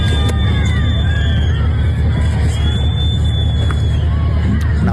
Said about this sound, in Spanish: Un Marlaska que fue recibido ayer, por cierto, con silbidos y con gritos de fuera en Cádiz, donde se celebró un desfile con motivo de la patrona de la Guardia Civil.